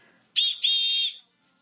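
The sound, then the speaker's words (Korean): Colonel Trapp blows a shrill whistle twice in quick succession, a short blast followed by a longer sustained one, loud, with nothing else around it. It is the signal for his children to move like soldiers and introduce themselves. “트랩 대령의 호루라기 소리에 맞춰 마치 군인처럼 절도 있게 움직이며 자기소개를 하는 아이들.”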